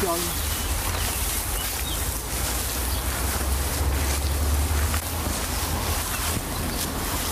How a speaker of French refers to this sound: D'accord, on se rapproche. On se rapproche de la rivière.